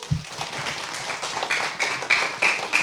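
A burst of applause from a small group, dense steady clapping with a few sharper claps standing out, moderately loud throughout with a brief low thump at the start.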